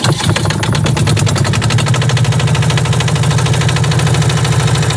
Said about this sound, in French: Avant d'entendre retentir les notes de musique, petit moteur de Fourmigue qui va nous amener voguer dans la magnifique rade de La Ciotat.